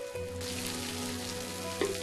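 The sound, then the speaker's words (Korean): Sudden steady rain hisses and patters continuously at a peaceful mountain Buddhist temple, a dense, even wash of drops with a faint low hum beneath, no voices present. “갑자기 내린 빗소리도 부처님 말씀으로 들리는 평온한 산사.”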